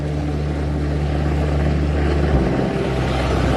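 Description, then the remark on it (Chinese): A rescue helicopter arriving during a flood drones loudly and steadily overhead, its deep rotor hum mixed with broad rushing noise, shifting slightly in pitch partway through. No one speaks. “我眼前一亮，看到直升机，我欣喜若狂。”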